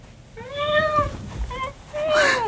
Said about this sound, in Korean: 구석에서 꼬리를 고추 세운 새까만 턱시도 고양이가 울며 현우에게로 달려왔다